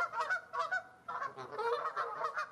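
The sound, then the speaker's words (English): A flock of geese honks repeatedly in loud, overlapping, rhythmic bursts, with calls crowding together and no speech present. “He shows them videos of geese.”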